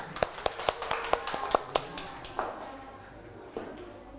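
A brief round of applause in a classroom: about a dozen quick, sharp claps in a steady rhythm, tapering off, then a couple of stray claps before it fades.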